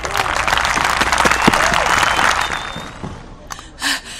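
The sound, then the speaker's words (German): A crowd bursts into dense, sustained applause for Simut, King of the Penguins, opening the annual festival days, for about three seconds, then it fades out, followed by a couple of brief voices or gasps at the end. “Also, einen kräftigen Applaus für unseren König.”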